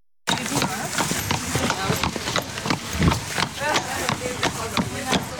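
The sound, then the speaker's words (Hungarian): Hooves clip-clop sharply and irregularly across a hard floor as two horses provided by the standby police (Készenléti Rendőrség) are led into the hall of the University of Veterinary Medicine for a live horse anatomy class, steps echoing while a murmur of voices continues underneath. “Két lovat vezetnek be az aulába, és hamarosan kezdődik az élő lovas anatómia óra.”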